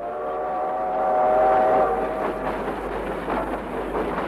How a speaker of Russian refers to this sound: Протяжный гудок поезда заставил всех замолчать.